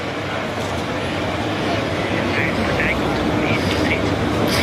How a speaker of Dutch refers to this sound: Het ligt aan een hele drukke weg hier, dus dat zou je wel kunnen horen.